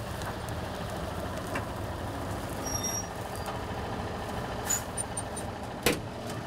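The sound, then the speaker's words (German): A tractor arriving during the wheat harvest, one of two tractors whose trailers take the wheat unloaded by the combine harvester. Its engine rumbles steadily in a deep, heavy drone, with a few brief clanks and a short hiss near the end. No one speaks. “Aber jetzt muss sie erst mal einen der beiden Trecker fahren.”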